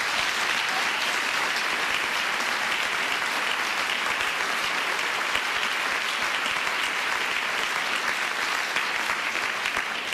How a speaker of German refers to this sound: aber zuerst noch ein Applaus